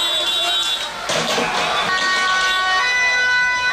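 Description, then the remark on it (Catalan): A chaotic street clash in The Hague between Dutch riot police and about 500 far-right protesters throwing projectiles and pyrotechnics at officers: a dense crowd roars and shouts while sirens wail steadily through the din, with a sudden swell of noise around the middle of the scene. “La policia ha detingut diverses persones que corejaven consignes antisemites i feien salutacions hitlerianes i que s'han enfrontat, com sentim, als agents amb projectils i elements pirotècnics.”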